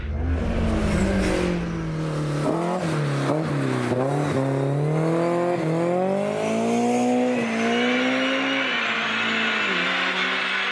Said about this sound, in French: Le moteur, franchement, il monte dans les régimes à une vitesse absolument incroyable. Il passe de 6 à 8 000 tours en une fraction de seconde.